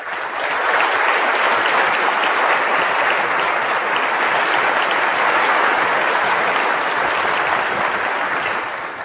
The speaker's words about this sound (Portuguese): Então, feito todas essas menções, por favor, vamos condensar em um aplauso a todos esses atores.